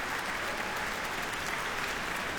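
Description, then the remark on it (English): A large concert audience in Kodak Hall, Eastman Theater, Rochester, New York, claps steadily for an encore from violin soloist Benjamin Beilman after Beethoven's Violin Concerto, a dense, sustained wash of applause from many hands that holds even throughout, with no voices standing out. “As you can hear, this crowd is not going to let the violinist go without maybe a little treat.”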